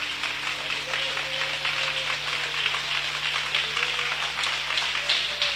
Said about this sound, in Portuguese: Aplauda Jesus bem forte, bem forte, bem forte.